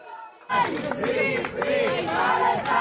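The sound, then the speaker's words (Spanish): A large crowd chants 'Palestina libre' in unison at Barcelona airport, welcoming a Spanish-Palestinian activist of the Gaza flotilla, their voices rising and falling in a rhythmic, repeated cadence after a brief quiet start. “Al grito de Palestina libre han recibido en Barcelona”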